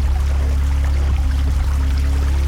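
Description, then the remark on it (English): A steady, continuous trickle of a hidden stream running through woods, its water flowing down from high in the mountains, like a small stream flowing over stones, holding an even level throughout with a low, rumbling undertone and no voices. “up the hill, past the blackberry bushes and through the great oak trees, a hidden stream whispered through the woods.”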